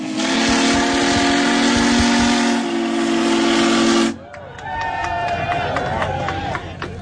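The Big Boy steam locomotive, adorned on the front with an American eagle and a 1776–2026 red, white and blue plaque, blasts its whistle: a loud, steady low chord wrapped in hissing steam for about four seconds, then cuts off abruptly, giving way to a crowd cheering and whooping.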